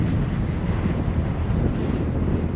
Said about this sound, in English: It's really windy up there. Yeah. And it's very steep. So as soon as you get close to it, you get thrown in the air, you know, super fast.